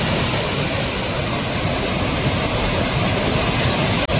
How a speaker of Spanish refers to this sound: Así suena el río Besós, que baja con mucha fuerza hasta ahora. De hecho, la alerta hidrográfica es extrema. En las imágenes se aprecia el enorme caudal que está descargando.